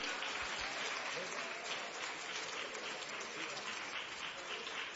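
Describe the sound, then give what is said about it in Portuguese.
A church audience claps steadily for the full five seconds to welcome a singer, a dense, even wash of many hands at moderate loudness, with no pauses or breaks. “cantor da gravadora MC Music, com palmas, bem alegre ao Senhor Jesus.”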